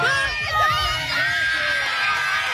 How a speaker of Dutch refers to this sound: Een explosie van vreugde bij de moeders langs de zijlijn.